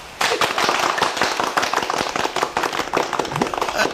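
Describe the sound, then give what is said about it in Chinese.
A group of people claps steadily, dense overlapping hand claps forming loud, continuous applause that starts abruptly and carries on for several seconds without any talking, applauding a delivery rider made a company's golden knight. “现在赚钱呢更容易了， 这就叫虎父无犬子，鼓掌。”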